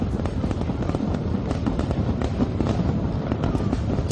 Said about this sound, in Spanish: Hoy los obetenses van a poder disfrutar de la noche de los fuegos artificiales como previa al reparto del bollo de mañana.